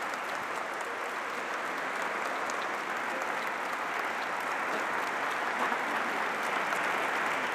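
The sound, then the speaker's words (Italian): An audience applauds the band at a celebration and procession, a steady, dense wash of clapping that holds at an even level for several seconds with no voices standing out. “Io farei un applauso alla banda.”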